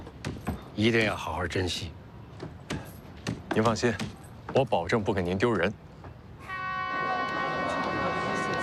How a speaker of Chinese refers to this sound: 差不多行了，火车都要开了。